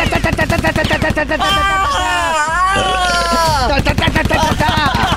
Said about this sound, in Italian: Possiamo coprirla con una granata? Sì, ci mettiamo sopra uno sparo, guardi.